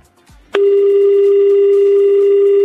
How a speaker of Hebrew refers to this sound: רגע, בוא נחייג למאזין המאה. זה יש לנו שניים. יש לנו גם את המאזין המאה וגם את המאזין 200. הנה המאזין המאה. בואו נבדוק.